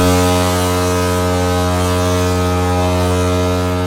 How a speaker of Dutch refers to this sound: Hij maakte een ijsbeer wakker die op de kant lag te slapen. Hij wilde dat beest verjagen en gebruikte daarvoor op zijn schip de misthoorn. Dat moet ongeveer zo geklonken hebben.